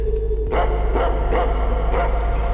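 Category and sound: animal, dog barking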